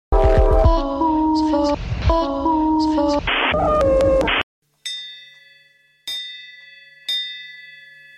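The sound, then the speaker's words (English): A short burst of melodic music cuts off abruptly, then a dinner bell rings out alone: three bright, high metallic strikes, each ringing clearly before slowly fading. “That's the dinner bell, and if you've heard the sound, you have officially tuned in to this edition of Dinner with Gray.”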